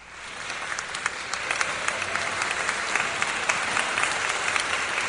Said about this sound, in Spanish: Ay, esos sí son aplausos,